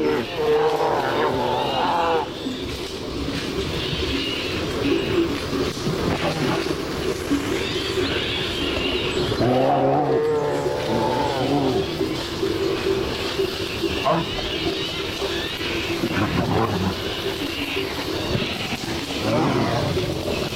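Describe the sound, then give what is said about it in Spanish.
Two bears growl and roar in deep, rough bursts amid steady crashing and rustling of brush, a busy, continuous commotion with a louder bellowing outburst partway through. “Aquí escuchamos cómo una pareja de osos, un macho y una hembra, posiblemente en celo, están destrozando el monte.”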